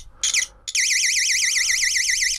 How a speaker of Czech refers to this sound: A když na jeden konec dám jeden kontakt a přiložím druhý kontakt, tak by to mělo začít vést elektrický proud, který se ozve nějakým pískáním. Tak si to zkusme. Ano, už to slyším.